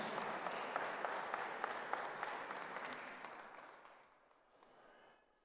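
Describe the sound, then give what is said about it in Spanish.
An audience breaks into sustained applause for a holy martyr and his heroic virtues, a dense wash of many hands clapping with a few sharp individual claps standing out, then thinning and fading over the final seconds. “Damos un fuerte aplauso a nuestro santo mártir por sus virtudes heroicas.”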